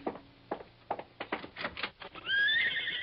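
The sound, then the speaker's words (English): Hooves clop in an uneven rhythm for a couple of seconds, then a horse outside lets out a loud, shrill whinny that rings out to the end. “Why, yes, that's a horse out there.”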